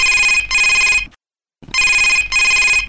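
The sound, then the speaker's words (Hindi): A telephone rings loudly in two double bursts, each burst a pair of bright trilling rings, separated by a short silent gap: an incoming call from a listener to a phone-in programme. No one speaks. “और घंटी के रिंग है तो अब्बड़ अकन बाजत हावे, तो चलो सुनथन कौन संगी के फोन पहली आवते तेला।”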